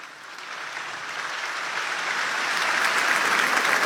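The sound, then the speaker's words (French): A large crowd of young people filling the Stade de France applauds continuously, a dense, steady wash of clapping that swells slightly louder over a few seconds, with no voices standing out. “Applaudissements de toute la foule.”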